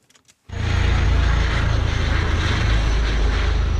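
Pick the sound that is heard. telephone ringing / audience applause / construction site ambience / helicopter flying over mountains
helicopter flying over mountains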